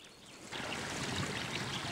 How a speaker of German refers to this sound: Überall schmelzen Eis und Schnee. Wie in ein großes Becken fließt aus allen Richtungen das Wasser in die tiefer gelegenen Regionen des Soma-Nationalparks.